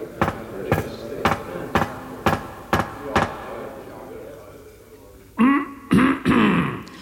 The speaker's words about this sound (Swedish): Han hade en ordförandeklubba av trä att knacka i bordet med när någon skulle börja tala. Men när han nu slog klubban i bordet, då var det den här välbekanta rösten som hördes.